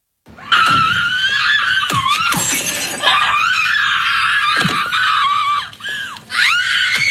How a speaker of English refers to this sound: Love the screaming part. Love it.